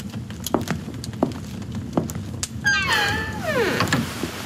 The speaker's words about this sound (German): Mit einem durchdringenden Blick und einem nicht zu deutenden Lächeln schloss Graf Dracula die Tür und ließ mich allein.